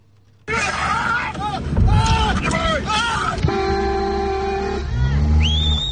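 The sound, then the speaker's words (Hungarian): In Romania, several people shout and yell in overlapping bursts to drive off a mother bear that attacked a person sitting in a car, then a car horn blares in long steady toots, with more honking and raised voices continuing over a low engine rumble. “Kiabálással és tülköléssel próbálják elzavarni az anyamedvét, amely rátámadt egy autóban ülő emberre.”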